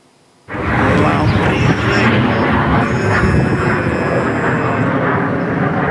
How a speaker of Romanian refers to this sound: Avem și imagini cu avioanele de luptă care au intervenit pentru a distruge drona, iată.